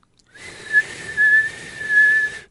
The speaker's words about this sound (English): Just push the button. I want to see if it's louder than my whistle.